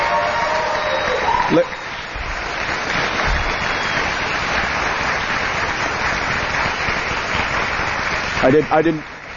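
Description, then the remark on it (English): Steady audience applause after a Senate candidate's speech, a dense, even wash of clapping that fills the whole stretch at a fairly loud level. Brief voices or cheers break through near the start and again near the end. “I didn't want to step on your applause.”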